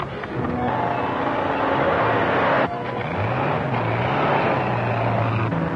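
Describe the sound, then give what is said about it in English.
A car engine revs steadily and climbs in pitch as the car pulls out from where a handcuffed prisoner was left, with a brief dip midway before the motor rises again, loud and continuous throughout. “Car pulling out from where I left that fellow handcuffed.”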